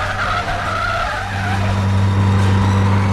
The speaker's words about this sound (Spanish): El auto hace un rápido viraje apartándose de la avenida transitada e internándose por una oscura callejuela flanqueada por terrenos baldíos.